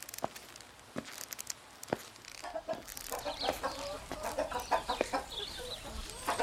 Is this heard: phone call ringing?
no